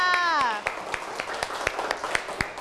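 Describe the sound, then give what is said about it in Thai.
A class of children claps for group 5 in a loose, uneven patter of sharp hand claps that carries on steadily, with a child's voice briefly heard at the start. “เอาละค่ะเหลือกลุ่มสุดท้ายแล้วค่ะนั่นก็คือกลุ่มที่5ขอเสียงปรบมือให้กับกลุ่มที่5ค่ะ”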